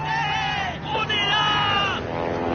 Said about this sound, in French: Les survivants sautent, hurlent, tentent de faire des signaux lumineux en faisant miroiter des rayons du soleil avec des pièces de métal.